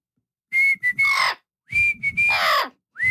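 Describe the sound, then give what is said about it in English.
A clear whistled two-part tune performed by a female whistler in a studio: a steady note followed by a breathy, sliding flourish, repeated twice with a third round just beginning. No talking. “Well, let's see if she'll whistle.”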